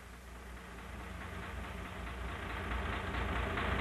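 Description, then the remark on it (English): The diesel engine of a passenger ship throbs steadily, a continuous low rumble with a broad mechanical hiss that swells slightly louder over a few seconds. No voices are heard. “I think the throb of the diesel engine is lulling them to sleep.”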